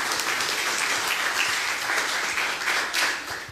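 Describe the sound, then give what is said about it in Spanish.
A crowd claps steadily in a dense, sustained burst of applause for a few seconds, fairly loud, with no talking over it, applauding a contestant's correct quiz answer. “Respuesta correcta para nuestra compañera, un fuerte aplauso.”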